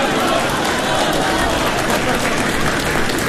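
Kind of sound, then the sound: crowd, audience applause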